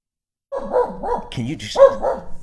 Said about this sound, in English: Yeah, my dog is very excited. So it's okay. Anyway, sorry about that.